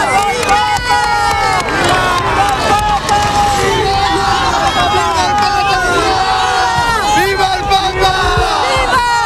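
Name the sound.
crowd shouting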